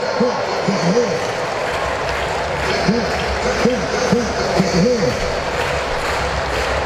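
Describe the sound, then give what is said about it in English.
A sellout baseball crowd cheers for batter Baldwin in the bottom of the seventh inning of a game tied two apiece, a steady, loud roar broken by repeated rising-and-falling vocal swells that come in short rhythmic bursts across the stands. “Crowd getting behind Baldwin.”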